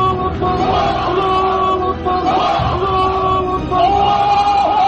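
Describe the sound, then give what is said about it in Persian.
A large crowd of Muhammad's followers shouts "Allahu Akbar" in unison, many loud voices chanting a sustained religious cry together, swelling and overlapping continuously. “در پیرو و فریادهای الله اکبر محمد، پیروان وی نیز فریاد الله اکبر سر دادند.”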